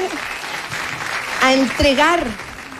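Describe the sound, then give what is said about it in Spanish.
Steady audience applause at the Premios Pulsar 2026 awards lasts a few seconds, a dense wash of clapping, while a voice briefly calls out over it midway through. “Se ganó un aplauso,”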